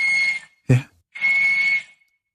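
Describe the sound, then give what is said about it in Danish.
A walrus on land in Svalbard whistles in two long, steady, shrill blasts, the second one longer, with a brief low thump between them; the whistle is loud, with no talking. “Jeg kan se, hvad svaret er. Det er en valros.”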